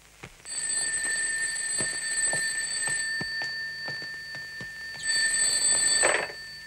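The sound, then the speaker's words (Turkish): A telephone rings loudly in two bursts, a long shrill ring, a short pause, then another ring, with a faint ticking rattle underneath and no one speaking. “Alo, buyurun.”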